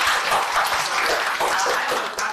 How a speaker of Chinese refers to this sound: 很好，掌声送给他们。